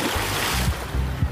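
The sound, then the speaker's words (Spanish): A loudspeaker splashes into a ría (estuary) and keeps playing under the water, followed by a short stretch of churning, sloshing water with low rumbling surges, fairly loud, with no voices. “¡No! ¡El altavoz a la ría, no! Oye, que sigue sonando debajo del agua.”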